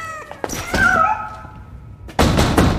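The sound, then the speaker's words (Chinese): Several heavy, loud knocks thud against a door as someone demands it be opened, and a cat lets out a long, rising meow between them before another burst of banging. “开门，我知道你在里边，臭小子。”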